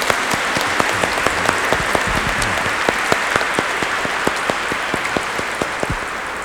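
An audience at a church service claps together in steady, sustained applause for fellow members just prayed for, many hands producing a dense patter of sharp claps that continues evenly throughout without any voices.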